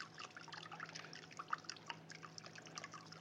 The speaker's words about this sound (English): And then I have here a pan, a rather large pan with water in it. I would calculate perhaps maybe 5 or 6 cups of water. And then you want to take the soy sauce and probably about 6-7 ounces of soy sauce you put in the water. Maybe a little bit more.